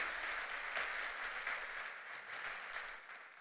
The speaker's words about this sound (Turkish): alkışlarımızla sahneye davet ediyoruz. Buyursunlar lütfen.